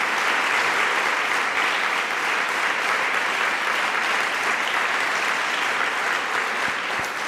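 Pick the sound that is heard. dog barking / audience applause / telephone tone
audience applause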